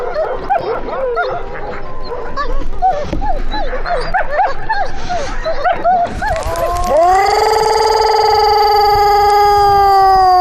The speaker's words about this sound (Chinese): 狼王铠甲犀利的嘶吼，穿透新格里狼山的上空。